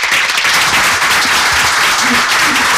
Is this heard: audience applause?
yes